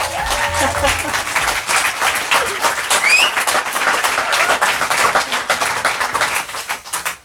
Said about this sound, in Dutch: Onder een schitterend luid applaus van Leuven natuurlijk.